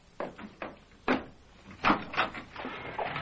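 household object, door being opened

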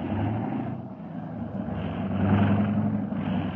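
vehicle, car engines idling

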